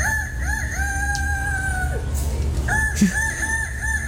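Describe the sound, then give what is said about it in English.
A person, the first-place winner of a contest, imitates a rooster's crow, a long, loud warbling cock-a-doodle-doo with repeated rising and falling whoops, over a low murmur of people in the background. “I love everyone in the background going, oh, that is like a cockerel, isn't it?”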